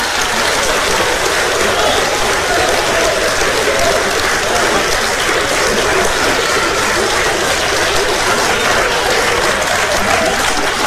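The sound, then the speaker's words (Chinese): An audience applauds young comedy performers steadily for about eleven seconds, a dense, even wash of many hands clapping at a constant loud level, with no voices standing out. “我要把它的原料说出来，保证朋友们是雷鸣般的掌声。”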